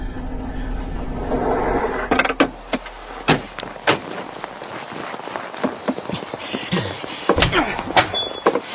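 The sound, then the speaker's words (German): A jeep's engine churns and rumbles as it ploughs through snow on a road, repeatedly skidding, for a couple of seconds. Then several sharp door thunks and heavy crunching steps follow in an irregular scatter. “Der Jeep wühlte sich durch den Schnee, geriet immer wieder ins Schlingern und benötigte die ganze Fahrbahnbreite.”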